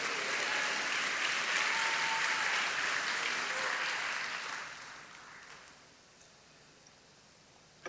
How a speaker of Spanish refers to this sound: Alguien me dice amén. Dele palmas al Señor. A ti papito, papito lindo, precioso. Gracias.